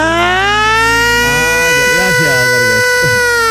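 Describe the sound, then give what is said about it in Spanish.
A person shouts in imitation of a siren, holding a long, loud, siren-like wail for about three seconds, pitch sliding a little as it goes, with a few lower vocal sounds wavering underneath near the end. “Porque tú, haz la Sirena. Pégate un grito. ¿Cómo hace una Sirena?”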